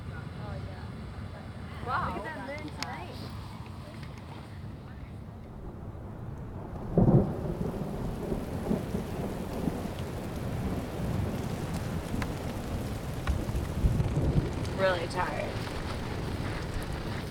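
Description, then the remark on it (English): A massive thunderstorm in the Picos de Europa mountains, heard from base camp, with heavy, steady rain hissing throughout and deep thunder rumbling, including a sharp crack about midway, while muffled voices surface briefly in the background. “We were slowly making progress on the crux pitch, but the forecast showed a massive storm was about to hit us.”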